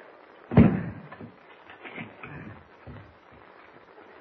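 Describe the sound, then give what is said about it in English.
The door of a shack in the woods is bolted shut at night: one loud, heavy thud followed by a few softer clunks and rattles of the bolt, with no voices. “Bolt the door, Chuck.”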